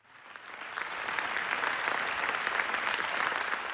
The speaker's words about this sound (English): The film was directed by two Oscar-winning Israeli filmmakers. The audience clapped continuously for Yuval Abraham and Rachel Sohr after the screening on Thursday.